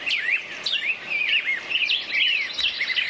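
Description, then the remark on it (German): Birds chirp and sing continuously, with quick, high, warbling phrases overlapping one another at a steady, moderate volume, like a lively morning chorus outdoors with no voices. “Ja, die Frage ist nur, welche Vögel zwitschern da gerade?”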